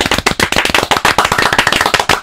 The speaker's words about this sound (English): If you clap like normal in a radio studio, it sounds really sad. But if you clap like really fast, it sounds like loads of people. So you join in.